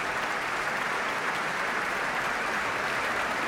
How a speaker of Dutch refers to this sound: Een groot applaus hier in de grote zaal van het Concertgebouw. Voor dirigente Tiani Lou, maar ook voor de componist Iman Habibi. Speciaal voor deze avond vanuit Toronto hier naartoe gekomen.